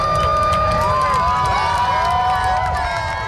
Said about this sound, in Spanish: Aplausos sonoros que acompañaron o percorrido da lúa sobre o sol, especialmente no comezo da totalidade e a súa fin.